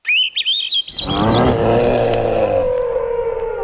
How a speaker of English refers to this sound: A flock of birds is gathered at a bird feeder, a mix of juncos and chickadees.